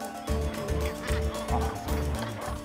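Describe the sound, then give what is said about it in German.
A breeding colony of northern gannets on Helgoland, with loud, harsh, rasping calls repeating in a rough, overlapping rhythm over a constant wash of background squawking. “Da gibt es in so einer engen Brutkolonie viel Hauen und Stechen”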